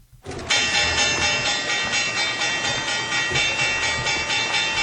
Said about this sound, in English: All right. Love hearing that bell sound.